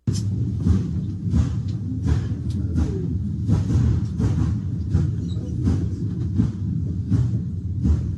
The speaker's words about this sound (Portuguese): Acompanhando pelo rádio, começa a, tem o trem e aí começa a aparecer alguns assim, o trem vai passando, vai começando a dar umas explosões, como se fossem raios e até começa um incêndio mesmo e as pessoas começam a ficar apavoradas